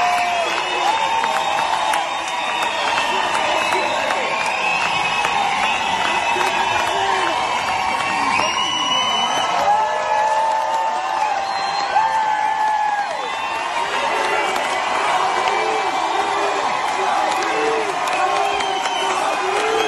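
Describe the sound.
A large concert crowd in Istanbul chants "Javid Shah" together in unison as the lion and sun flag is unfurled, a dense, loud wall of voices that carries on steadily with scattered cheers and whoops mixed in.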